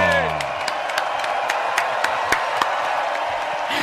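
An audience breaks into dense, sustained applause with cheering mixed in, a steady wash of clapping with a few sharper claps standing out, lasting the whole few seconds.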